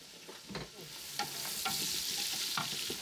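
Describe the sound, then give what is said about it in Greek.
Salted onions sauté in a hot pan, sweating and softening, a continuous bright crackle with a few sharper scraping stirs breaking through at irregular moments. “Μάλλον το αλάτι βοηθάει το κρεμμύδι να υδρώσει και να μαλακώσει πιο γρήγορα, να βγάλει τα υγρά του.”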